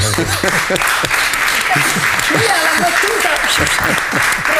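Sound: applause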